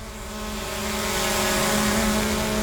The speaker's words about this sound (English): While Western Power is flying drones to inspect the lines,